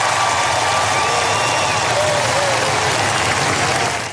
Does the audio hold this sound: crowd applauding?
yes